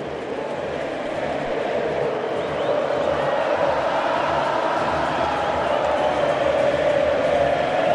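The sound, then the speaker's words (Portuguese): A big stadium crowd of Argentina fans sings together at the stadium in Kansas as Argentina beats Switzerland 3-1 after extra time, a steady, loud mass of voices, a dense roar with a faint melodic line rising and falling throughout. “E o estádio do Kansas canta, canta a torcida argentina.”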